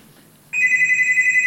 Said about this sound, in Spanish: Suena el teléfono ya. Ya, ya por favor.